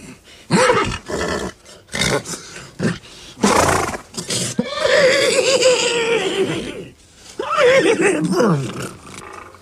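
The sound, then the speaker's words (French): A person imitates a horse that wants to go for a ride, with a few short snorting bursts and then a long, wavering, descending whinny, followed by another neigh. The voice is loud, with no talking. “T'as vu que je te fasse le cheval qui a envie de faire un tour?”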